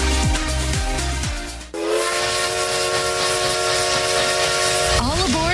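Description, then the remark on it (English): The whistle of the Essex Steam Train blows a long, steady, loud blast over a rushing hiss of steam, with the pitch wavering at the very end; rumbling chuffs and sliding tones come before it. “Steam Train and Riverboat for unforgettable events all year long.”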